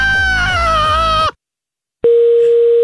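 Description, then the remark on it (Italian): A loud, wavering, whiny tone with a pulsing low buzz cuts off into a moment of silence as the telephone receiver is put down, then a steady, unbroken telephone dial tone hums at a constant mid pitch until the end. “Perché cazzo metti giù la cornetta? Ti sto parlando.”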